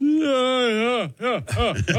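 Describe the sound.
A man lets out a loud, drawn-out vocalized yawn, a sustained voiced groan that bends in pitch, trailing off into a few shorter wavering vocal sounds.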